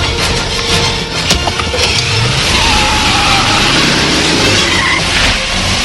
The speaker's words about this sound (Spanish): conduce la camioneta a toda velocidad.